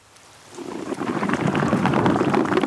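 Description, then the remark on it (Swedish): Underwater gas bubbles, probably air, streaming from a sleeping sperm whale off the coast of Norway, recorded by a suction-cup tag: a dense, crackling fizz that swells up after a quiet half-second and then pours on steadily, loud and unbroken, with no voices. “Här har man bubblorna bubbla ut från valen.”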